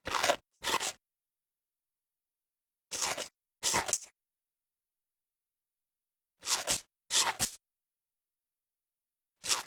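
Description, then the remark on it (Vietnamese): Crisp, crunchy chewing of raw vegetables in short paired bites separated by pauses of silence, repeated about four times with no talking. “Đặc biệt, từ này dùng để diễn tả âm thanh khi nhai thức ăn, giống như khi ăn rau củ tươi sống trong món salad vậy ạ.”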